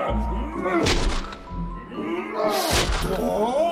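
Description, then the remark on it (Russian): Several heavy, dull thumps land one after another against a wall from its other side as a man strikes it with his shoulder until it falls, each a deep booming blow, with a sustained tonal murmur running underneath. “Слышны один за другим несколько ударов по ту сторону стены.”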